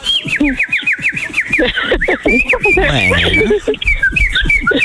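Rapid, bright bird-like whistles and chirps trill up and down throughout, loud, with voices talking and laughing underneath.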